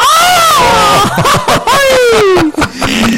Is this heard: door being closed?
no